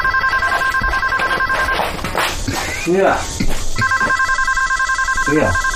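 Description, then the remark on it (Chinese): A telephone rings in repeated bursts, a steady electronic trill that starts, pauses, then resumes, while people talk briefly in the middle and footsteps shuffle, as a call comes in from a cousin. “小哥来电话。”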